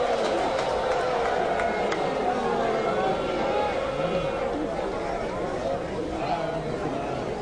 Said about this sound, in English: Crowd doesn't appreciate the chin music on their all-star center fielder.